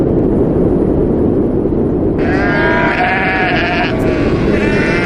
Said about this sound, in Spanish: Esto que estás escuchando son los sonidos que vas a encontrar. Viento y ovejas, básicamente.